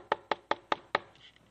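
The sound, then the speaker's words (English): Five quick, evenly spaced knocks land in a steady rhythm, crisp, each a sharp rap with a brief decay, followed by a faint trailing sound. No one speaks. “And you gonna be knocking.”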